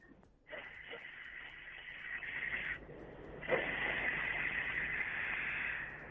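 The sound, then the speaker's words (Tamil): An eighth-grade student imitates a fast-moving train with a loud, steady rushing hiss, breaking briefly in the middle and then surging back for several seconds, alone with no talking. “வந்து ட்ரெயின் வேகமா போகுது.”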